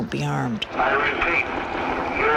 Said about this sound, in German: Und alles, was man währenddessen hört, ist ein Hubschrauber und eine Lautsprecherdurchsage, die immer wieder verkündet: Ergeben Sie sich mit erhobenen Händen, dann wird Ihnen nichts geschehen.